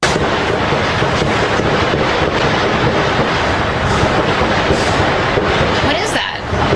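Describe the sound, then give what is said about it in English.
Rapid gunfire from Secret Service agents shooting an armed man, about 30 shots in all: a burst of sharp cracks at irregular intervals, partly buried in a loud, continuous roar of noise, with voices shouting underneath. “And Dan, listen to the Secret Service make Swiss cheese out of this guy, right?”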